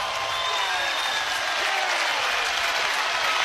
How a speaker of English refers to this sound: And the Huskers can smell it now. Crowd to their feet.